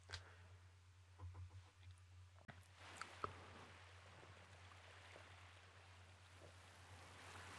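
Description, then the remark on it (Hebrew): A steady, hissing wash of sea waves with a constant low hum beneath, broken by a few soft splashes and drips in the first seconds, played as background sound for a meditation; no one speaks. “טוב, אז יאללה, בואו נתחיל, נשים לנו קצת צלילים של ים.”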